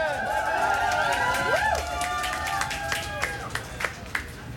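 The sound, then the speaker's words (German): Scattered audience applause with loose, uneven claps that thin out into a few distinct claps near the end, mixed with warbling whoops or cheering voices early on, at moderate volume. “Einen fragwürdigen Applaus für Ella, Trixi, Tiltgitter, Stäbe und Team Sprengen!”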